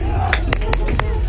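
Four sharp hand claps on radio station 106.5 Mix, in a quick, slightly uneven rhythm, moderately loud over a steady low background hum.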